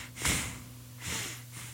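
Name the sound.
voice imitating heavy breathing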